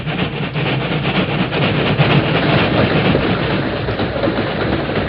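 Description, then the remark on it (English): A freight train rumbles past, a loud, steady roar of wheels and rattling cars with a faint rhythmic clatter, no voices over it. “We'll wait here in this ravine till the train goes by, Tonto. Iron horse pull plenty car. Yes, the freight train.”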